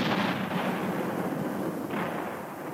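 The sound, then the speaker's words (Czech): A dense, continuous roar of cannon fire, the booming shots blurring together into one steady, loud barrage with no pauses and no voices. “Když to král slyšel, rozkázal vězni, aby zanechal střelby a ten klobouk mu dal.”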